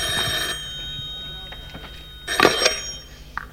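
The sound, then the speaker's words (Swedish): A telephone on a stage rings in two short jangling bursts, one at the start and another a couple of seconds later, fairly loud with faint background noise between. “Är det här det ringer? På scen?”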